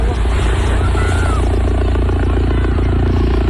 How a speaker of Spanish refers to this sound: han llegado en las últimas horas a las playas de San Roque y la línea de la Concepción en Cádiz, bajo la mirada estupefacta de los bañistas, que han recogido así el movimiento de los helicópteros de la Guardia Civil.